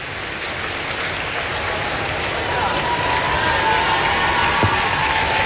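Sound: stadium crowd applauding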